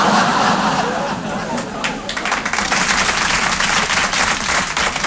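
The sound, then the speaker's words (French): A live audience claps, the applause swelling after a second or so into a dense, steady patter, with some crowd murmur and chatter mixed in. “C'était un piège, j'ai les noms de ceux qui ont applaudi.”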